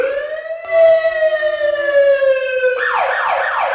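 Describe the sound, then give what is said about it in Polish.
A GBA fire engine's siren blares loudly as it sets out to a car fire, its steady wail sliding slowly downward in pitch before a second, rapidly warbling yelp tone joins in for the final second. No voices. “Wyjazd GBA, pożar samochodu.”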